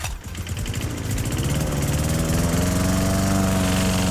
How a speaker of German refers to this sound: So, ja, der Rasenmäher läuft.